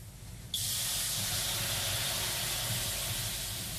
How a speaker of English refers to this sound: That deep, piney heat, water hitting hot rocks, filling the room with steam.